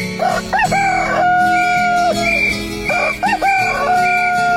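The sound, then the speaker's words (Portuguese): A rooster named Chico crows twice at 6:05, loud, each call rising sharply and then holding a long, drawn-out note over a steady low background hum. “o Galo Chico cantando a hora certa.”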